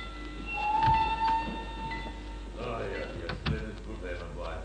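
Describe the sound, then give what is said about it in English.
A train for Béziers, Montpellier, Sept, Palavas and Milan pulls into platform 2 of a station with a steady rumble and high, sustained squealing tones from its brakes, while indistinct voices murmur in the background of the platform. “The train is entering the station.”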